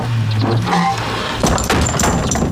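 A door is pushed shut on command, with a couple of dull wooden thuds and rattles over a steady low background hum.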